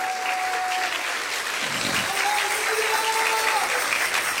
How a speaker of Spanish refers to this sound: Dale un aplauso a nuestro Padre Celestial tan precioso.